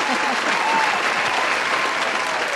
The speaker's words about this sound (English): Can we have that applause, please, Scott? The applause button.